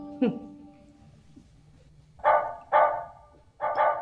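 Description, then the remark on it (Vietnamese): A dog barks loudly, three or four sharp woofs in quick succession after a brief yelp and a quiet stretch, with no one talking, as someone arrives as a visitor. “Ý, ai tới mà chó sủa vậy mình?”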